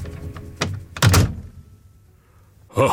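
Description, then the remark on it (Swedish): A police station door is slammed shut by a constable with a loud, heavy thud that rings briefly, preceded by a lighter knock, and a short rustling burst follows near the end. “Sen slog han igen dörren och pustade ut.”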